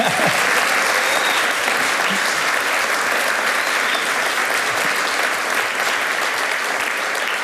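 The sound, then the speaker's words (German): Sustained applause from the live audience at the Alpenfest in Lengries during the show Mitreden, a dense, steady wash of many hands clapping at an even loudness throughout, with no voices standing out above it. “Heute Abend sind wir hier live im Alpenfest, also Sie können gerne klatschen, wenn Sie wollen.”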